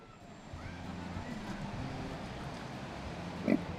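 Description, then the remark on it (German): Kune Kune pigs, a breed from New Zealand, grunt in low, rumbling bursts while grazing, over a steady background hum, and one sharper, louder snort stands out near the end. “Den restlichen Tag dürfen die Schweine aus Neuseeland hier grasen.”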